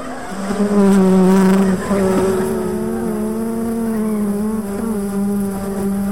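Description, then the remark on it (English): A dense swarm of killer bees buzzes loudly, a steady droning hum with a slight waver that fills the whole stretch without a break. “That would be the killer bees.”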